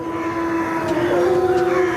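A single long wolf howl, calling the pack together to prepare for a hunt, holds a steady, fairly low pitch with a slight rise partway through, sustained and clear against a soft background hiss.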